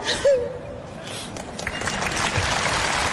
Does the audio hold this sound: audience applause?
yes